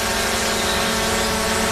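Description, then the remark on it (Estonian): A loud, steady whirring buzz of drone propellers, a dense mechanical drone with a constant pitch and no pauses, holding evenly throughout without any voices. “Droon on peremehe nägu.”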